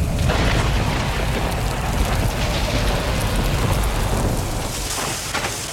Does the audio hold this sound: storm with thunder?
yes